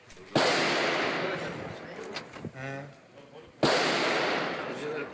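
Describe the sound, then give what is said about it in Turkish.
Two loud gunshots crack out about three seconds apart, each followed by a long echoing decay, with a brief shout or voice heard between them; fired by a tenant at a landlord couple in Maltepe, Istanbul. “Silah seslerinin yankılandığı adres İstanbul Maltepe.”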